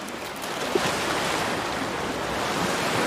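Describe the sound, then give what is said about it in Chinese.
Sea waves wash against a rocky coastline in a steady, hissing roar that stays fairly even in loudness for the whole stretch, with no voices over it. “海浪袭来时，它们能紧紧地抓住岩石”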